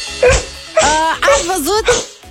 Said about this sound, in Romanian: Vreau să ascultați câinele meu.